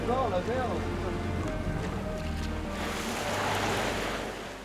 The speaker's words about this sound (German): Ziemlicher Seegang heute, das kriegt auch Andreas zu spüren. Unterwegs im Rhythmus von Wind und Wellen.